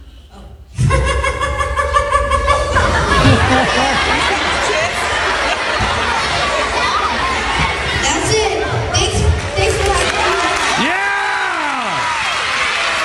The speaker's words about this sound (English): Oh, he had to cover his ears because the applause was so loud.